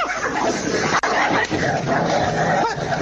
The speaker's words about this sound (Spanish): Se están peleando la Brujita con la Campanita. ¡No tienen comida los perros